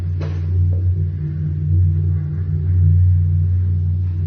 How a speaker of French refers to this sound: C'est un bateau qui vient de passer au-dessus. Ça, c'est un bateau?